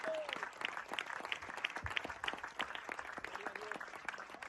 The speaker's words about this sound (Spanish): ¿Cuántos alaban al Cristo de la gloria? ¿Sí? Al Señor ese aplauso, déselo fuerte, ¿no?